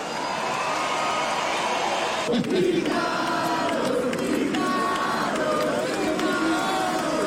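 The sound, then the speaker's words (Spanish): A large audience applauds and cheers for a guitarist and singer being introduced onto a stage, in a steady, dense roar that holds for several seconds, with continuous clapping and crowd noise. “Aplausos a granelo.”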